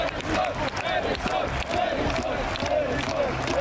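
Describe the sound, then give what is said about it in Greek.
A large stadium crowd chants footballer Eriksen's name in unison after the initial shock, as doctors give him first aid, repeating it in a steady rhythm every half second or so over a dense, continuous roar of voices. “Ο προπονητής της Ουκρανίας αντιλήφθηκε πρώτος το πρόβλημα και οι γιατροί των δύο ομάδων έσπευσαν να βρεθούν δίπλα στον Έριξεν, προσφέροντας τις πρώτες βοήθειες, με τον κόσμο στις κερκίδες μετά το αρχικό σοκ να φωνάζει ρυθμικά το όνομά του.”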